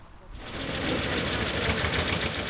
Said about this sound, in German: Dass der 65 Jahre alte Traktor durchgehalten hat, das ist fast schon ein kleines Wunder.